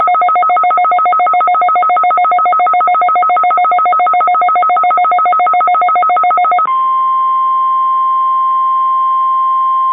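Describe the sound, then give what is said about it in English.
A weekly test of a weather radio warning alarm device and the emergency alert system: loud, rapid buzzy digital chirping for several seconds, then switching abruptly to a steady, piercing single-pitch tone that holds to the end. No voices. “This is a weekly test of the No Leather Radio warning alarm device and the emergency alert system.”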